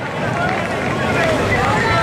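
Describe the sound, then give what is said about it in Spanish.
A large street protest crowd chanting live in the Puerta del Sol, a loud, dense wash of many voices blending into a steady roar for the whole stretch, with no single speaker standing out. “El sonido de la protesta en directo”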